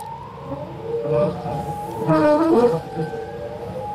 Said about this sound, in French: On évoque le chant des baleines dans CQFD aujourd'hui. Je vous propose un extrait d'un disque étonnant daté de 1970. On va commencer à l'écouter.